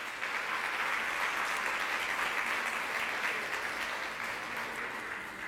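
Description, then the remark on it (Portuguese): An audience breaks into sustained applause for the Lord, steady and dense clapping from many hands at an even level for several seconds, with no voices standing out. “Você quer aplaudir ao Senhor?”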